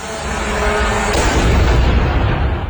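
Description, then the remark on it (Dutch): A loud explosion erupts amid already heavy noise, its sharp blast giving way to a deep, sustained rumble that rolls on for a couple of seconds. It is a Russian drone coming down on a block of flats at night in Romania, just over the border from Ukraine. “Afgelopen nacht was er een flinke explosie in Roemenië.”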